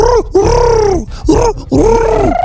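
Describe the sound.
A person imitates a pigeon with a series of low, throaty cooing grunts, four rounded swelling calls in a row, fairly loud with no other talk.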